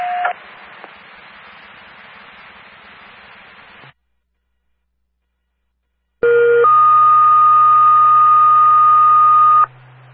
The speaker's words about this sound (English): Dispatch on the air, testing tones for the Washington Police Fire Department, 1901 the time, KV24.